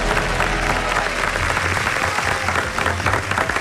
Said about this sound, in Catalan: Sí, doncs des d'aquí el nostre aplaudiment a Justo Molinero.